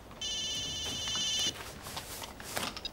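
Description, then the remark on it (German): A telephone rings once in a steady, high electronic trill lasting over a second, then stops, leaving faint background noise with a few soft clicks. “Immer wenn's brenzlig für ihn wird, dann klingelt's Telefon.”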